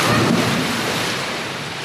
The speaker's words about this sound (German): Sie steht an der Spitze des Dreierbretts, springt mit Schwung hoch. Ihre Arme sind an ihrem Körper gestreckt und mit beiden Füßen voran taucht sie ins Wasser.